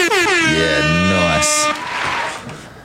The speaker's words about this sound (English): Can you hit them air horns for me, please?